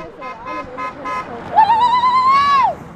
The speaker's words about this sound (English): Passing cars honk, waving arms from windows in solidarity.